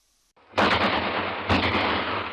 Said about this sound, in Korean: 갑자기 땅땅 하고 앞에서 총소리가 울렸다.